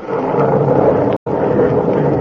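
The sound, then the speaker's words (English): A loud, sustained rumble of thunder rolls continuously, broken only by a sudden brief dropout midway before the deep roar resumes at full strength. “And God of the storm has answered.”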